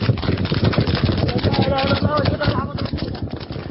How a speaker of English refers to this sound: One paramedic captured the incident on his phone, praying as he came under a hail of bullets.